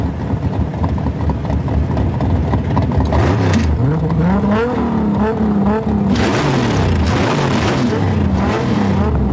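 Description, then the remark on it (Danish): Loud car engines roar and rev continuously in a street race in a film clip, pitches climbing and falling as the cars accelerate hard, with a dense layer of racing noise and faint voices mixed in. “Men i aften ved midnat kan publikum læne sig tilbage i sæderne og nyde en god gang gaderæs, motorbrøl og store biler.”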